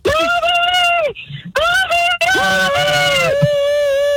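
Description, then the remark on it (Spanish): A voice imitates a turkey's gobble: loud, nasal, honking calls in several bursts with short gaps, clear, with no other sounds around. “¿Qué escuchaste? Un guanajo.”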